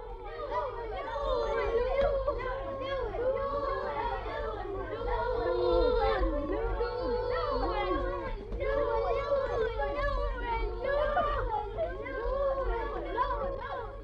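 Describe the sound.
A crowd of children shouts the Tunisian Arabic dialect word « l'ouel » ("the first" or "the beginning") over and over, as an ovation, their excited, high-pitched voices overlapping into a continuous, loud chatter with a steady low hum underneath.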